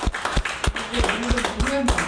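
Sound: audience clapping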